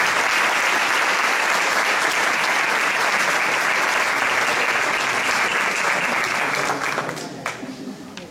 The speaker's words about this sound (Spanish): Pero ahora vamos a recibir con un fuerte aplauso